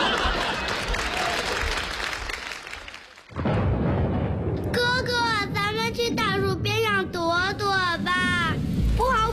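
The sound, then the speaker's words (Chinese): Steady, hissing rain pours down, then a deep rumble of thunder rolls in and lingers while high, wavering voices cry out over the storm. “我想起来了，下雨天不能站在大树下。”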